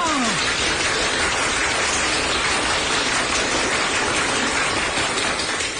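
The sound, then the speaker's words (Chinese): A steady, dense wash of prolonged applause from a large crowd, called for during a recording, sustained at full loudness for several seconds without a break, with no voices heard over it. “我们领导说了，这里是长时间鼓掌。”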